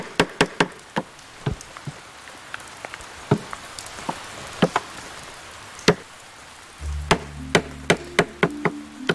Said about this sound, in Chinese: 这个声音很吸引人哦。 啊，再雕一块木板。